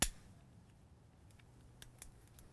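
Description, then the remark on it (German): A lighter, the third one tried, is struck several times to light a stove at the Rettenbeckalm in the Upper Bavarian mountains on a rainy day: one sharp click at the start, then a few fainter, irregular clicks and scrapes over a quiet, low background hum. “In der Rettenbeckalm versucht Nina immer noch, den Herd anzufeuern.”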